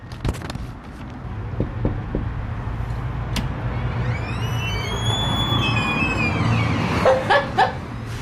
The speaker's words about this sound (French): On a une bonne vieille porte qui grince, puis...